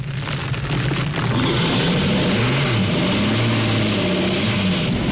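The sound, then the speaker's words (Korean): A military truck's engine roars steadily and loudly as it drives at full speed into flames, its low growl rising and wavering in pitch as it accelerates, with a broad rushing, crackling noise layered over it throughout. “군용차 한 대가 전 속력으로 불길 속에 들어섰다.”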